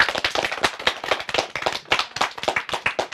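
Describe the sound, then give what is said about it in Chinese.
Students clap steadily in thanks to a guest, with dense, overlapping hand claps at a moderate, even level and no talking underneath. “那同学们，也让我们再次把感谢的掌声送给”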